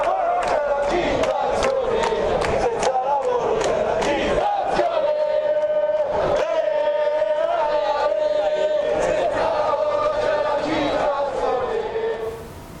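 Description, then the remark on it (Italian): A large crowd of protesting FIOM metalworkers lined up outside the prefecture in Genoa, Italy, shouts and chants loudly and continuously, a sustained collective roar with sharp bursts of yelling and clatter rising above it, fading slightly at the very end. “Questa è la situazione davanti alla prefettura di Genova, dei lavoratori della FIOM schierati.”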